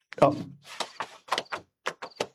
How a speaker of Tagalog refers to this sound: Piuron ko ni kaga ibutang sa drawer. Ari na. Ibutang ko ini sa drawer.